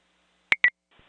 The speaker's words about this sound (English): 5-3, disregard the tones, accidental.